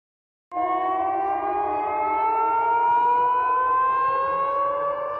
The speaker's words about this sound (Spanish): En Belgorod, las sirenas antiaéreas se han vuelto tan familiares como las campanas de las iglesias.